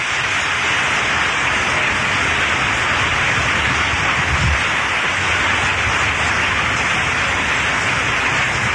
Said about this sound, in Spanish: ¡Fuerte el aplauso!